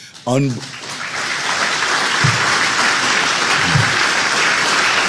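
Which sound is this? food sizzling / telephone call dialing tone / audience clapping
audience clapping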